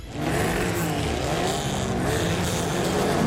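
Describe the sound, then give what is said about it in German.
Rally car engines at the Fontane Rally in Neuruppin, including tuned Mitsubishis, Fords and VWs and classic Trabis and Wartburgs, roar loudly and continuously, revving hard with a dense, gritty rumble that stays steady throughout, with no voices. “Wenn heute Mittag in Neuruppin Motoren aufheulen, Reifen quietschen und Staub durch die Luft fliegt, dann ist wieder Fontane Rally.”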